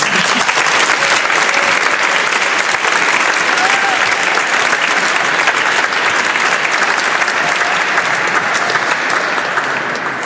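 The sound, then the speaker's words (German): Sustained, dense audience applause, a steady loud wash of clapping hands that holds evenly for about ten seconds and fades slightly at the very end, a second round of applause thanking a speaker for his example and story. “Er hat schon einen Applaus bekommen, aber ich glaube, für diese wunderschöne Beispiel und Geschichte hat er sich noch einen zweiten verdient.”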